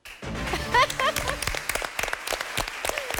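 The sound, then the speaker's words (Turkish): An audience of families breaks into applause, dense clapping with a few excited voices and cheers rising over it, loud throughout. “Ailelerimizden alkış önden geldi.”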